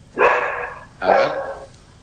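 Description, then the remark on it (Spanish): Two drawn-out barks from a dog, spaced about a second apart, loud, with a harsh, slightly howling tone and nothing else audible between them, as female dogs at a house bark at someone arriving. “Acá llegó alguien a mi casa, ladran las perras.”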